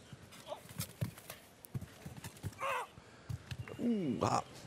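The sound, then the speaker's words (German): In show jumping, the horse Chris, ridden by Argentine final rider José María La Roca, gallops over a course, approaching a jump in six gallop strides: a run of sharp, uneven hoof thuds, with brief higher tonal sounds and faint voices breaking in during the second half. “So, der kommt da eigentlich relativ leicht an mit 6 Galoppsprüngen.”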